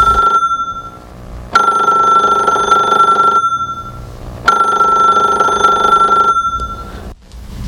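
A telephone rings twice in a steady electronic trill, each long burst of ringing separated by a short pause, fairly loud with no one speaking.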